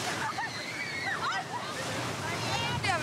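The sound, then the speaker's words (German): Sea waves of the Danish coast slosh and wash steadily against the shore, a continuous rushing of water, with high voices calling out faintly over the surf. “So lernen wir das echte dänische Meer kennen.”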